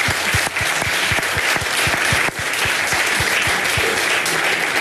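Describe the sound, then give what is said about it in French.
Sustained audience applause, a dense wash of many hands clapping steadily and loudly for the whole stretch, with no voices standing out. “et ça peut s'applaudir.”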